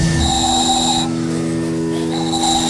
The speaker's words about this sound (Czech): toho se fouká a se toho vyrobí taková píšťalka.